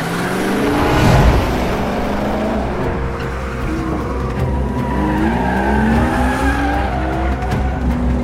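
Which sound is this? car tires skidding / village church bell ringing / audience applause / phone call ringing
car tires skidding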